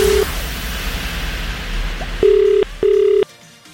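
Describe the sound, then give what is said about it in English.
An outgoing call's ringback tone sounds in steady bursts, a short one at the start and then two longer rings near the end, over a hissy line with faint background noise. “How long does this phone ring?”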